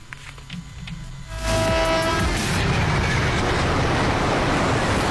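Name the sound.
train with horn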